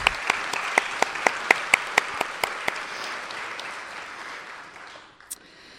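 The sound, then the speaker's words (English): An audience at a reuse contest applauds the judging helpers from Pittsburgh Center for Creative Reuse, a wash of many hands with one crisp, steady clap standing out in a quick rhythm at first, then the applause thins and fades away after about five seconds. “Round of applause for the help of judging.”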